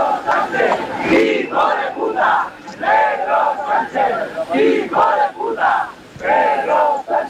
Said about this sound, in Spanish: Lamentables los gritos, los abucheos que un año más ha recibido el presidente del gobierno.